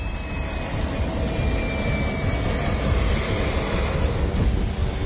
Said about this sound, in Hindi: नेपाल में आपदाग्रस्त इलाकों की हालत कैसी है, इसको ऐसे समझिए कि नुवाकोट एयरबेस पर एक हेलीकॉप्टर ठीक से लैंड भी नहीं कर पाता कि दूसरा टेक ऑफ कर जाता है।